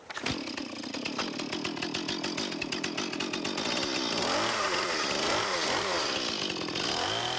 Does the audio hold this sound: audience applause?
no